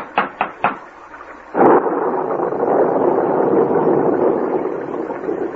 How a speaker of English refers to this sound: We can't go any farther in this downpour.